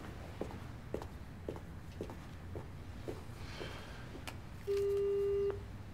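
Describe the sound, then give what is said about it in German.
Steady footsteps tap along for a few seconds, then a single loud, flat telephone tone sounds for under a second near the end. “Woher haben die meine Nummer?”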